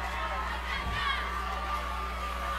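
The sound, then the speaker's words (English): A large football stadium crowd in Harrisburg cheers and shouts on a third-and-four play in a steady, continuous roar, with no single voice standing out and no lulls throughout. “Harrisburg crowd trying to make some noise here on this 3rd and 4.”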